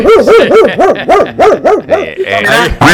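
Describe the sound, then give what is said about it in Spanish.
A man's voice mimics a mutt dog (an 'aguacatero' street dog) barking, giving a quick, steady run of about eight sharp, yelping barks, then trailing into rougher, growly vocal noises. “Y así ladran esos aguacateros.”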